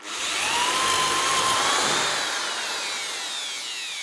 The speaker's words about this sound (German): Jetzt, wo wir alle unsere Werkstücke vorbereitet haben, können wir sie zusammenschrauben. Dafür spannen wir unser Brett mit den Löchern und einen Fuß mit einer Schraubzwinge zusammen, bohren 2 Löcher vor und schrauben sie zusammen.